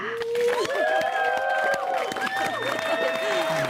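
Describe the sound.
A crowd applauds with steady clapping, mixed with loud cheering and whooping voices that hold long, rising and falling tones throughout.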